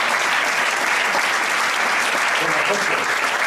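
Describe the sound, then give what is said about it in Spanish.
An audience at a presentation at Westfield Parque Sur in Leganés applauds steadily, a dense, even wash of many hands clapping at a fairly loud, constant level throughout, with no clear gaps or individual claps standing out. “Un aplauso para usted.”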